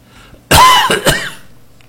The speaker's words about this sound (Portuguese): Eita, credo, se tá umidade, né, dando tosse.